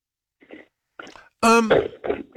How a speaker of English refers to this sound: I've been coughing for over 12 hours.